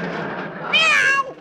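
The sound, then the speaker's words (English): A cat named Aesop lets out one loud yowl after its tail is stepped on: a short low rumble swelling into a sharp, piercing cry that bends upward and then trails off. No one speaks. “I didn't mean to step on your tail.”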